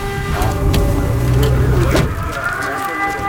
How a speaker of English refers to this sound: Is that the drone, or is that a Ukrainian Air Force? That's the drone.